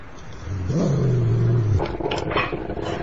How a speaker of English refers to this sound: What's it called? It's a dog.